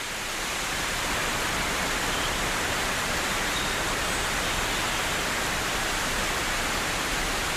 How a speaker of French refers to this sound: Après les saunas et les vaches gasconnes, tout à coup, une ondée de pluie.